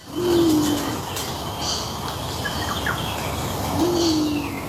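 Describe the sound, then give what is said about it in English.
A Teresian pigeon, nesting in a backyard, gives two soft, owl-like cooing whoos, one near the start and one near the end, low and steady against a hissy outdoor background with faint chirps from other birds. “Sounds like an owl. It's the Teresian pigeon.”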